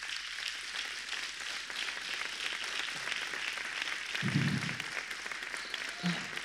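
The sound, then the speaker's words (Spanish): An audience applauds God steadily during a sermon, a dense wash of many hands clapping, with a couple of brief low thuds rising through the sustained clapping. “Después, como tercero, aplauda a Dios, aplauda a Dios.”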